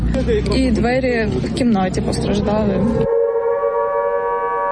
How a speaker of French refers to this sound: Plus tard dans la matinée, les sirènes retentissent à nouveau à travers Kiev. Rappel pour les habitants que la menace de nouvelles frappes russes est désormais constante.